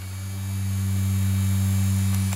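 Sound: electric fan running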